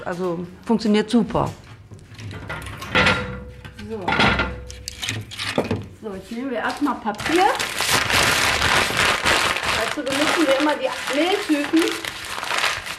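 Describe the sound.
Paper is crumpled and cardboard torn to build a fire in a bread oven at a baking session, with dense crackling and ripping bursts that grow louder and more continuous toward the end, while a person talks over the first half.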